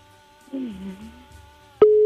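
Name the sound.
telephone busy tone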